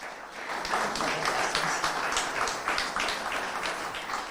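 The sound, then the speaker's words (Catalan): Sustained audience applause for the mayor of Sitges, Aurora Carbonell, a dense crackle of many hands clapping at a steady moderate loudness for several seconds, with no voices over it. “Benvinguda, un aplaudiment per l'alcaldessa.”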